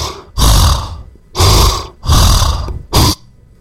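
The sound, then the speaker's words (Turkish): A voice imitates the loud, rasping snoring of a man sharing a hotel room: four harsh, throaty bursts in a steady rhythm with short gaps between, the last one noticeably shorter. No words are spoken. “Bu normal diyorsun, bu adam horluyor.”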